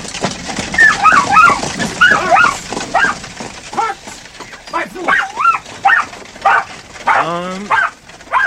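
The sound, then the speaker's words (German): A spaniel rushing toward people yips, whines and barks excitedly in quick, uneven bursts, high-pitched whimpers rising and falling, fairly loud, ending in a drawn-out wavering whine. “Doch noch ehe ich antworten konnte, sah ich, wie der Spaniel freudig erregt auf uns zuschoss.”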